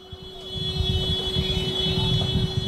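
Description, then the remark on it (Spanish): A car horn blares loudly in one long, unbroken tone over the rumble of street traffic, with no talking; it comes from cars driving through the city flying Spanish flags and honking at migrants. “Son los coches que circulan ondeando banderas de España y que tocan la bocina a los migrantes, que les responden con algún que otro insulto aislado.”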